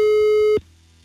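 A steady electronic telephone tone, heard while a call is being placed via WhatsApp, holds at one pitch for about half a second, then cuts off abruptly, leaving near silence with faint background hum.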